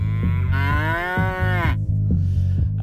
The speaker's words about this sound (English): I like the way you moo.